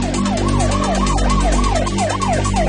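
A police siren wails in a fast, repeating yelp, loud, with a steady low engine rumble underneath and no voices, as several police cars drive up to a road junction and try to block it.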